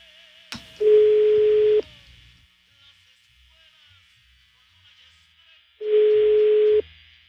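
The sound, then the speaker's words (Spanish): An outgoing phone call's ringback tone: two steady, loud electronic buzzes about a second long, separated by several seconds of quiet line hiss, heard alone. “Está sonando el teléfono del ruco este”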